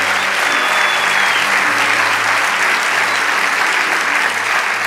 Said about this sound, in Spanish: Vamos, dale ese aplauso a Rey de Reyes.